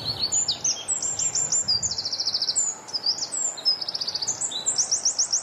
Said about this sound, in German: Zuerst der Zaunkönig, einer der kleinsten Vögel Europas, wiegt nur etwa 10 Gramm, sieht aus wie ein kleiner, brauner, gescheckerter Ball. Und Achtung, er hebt an.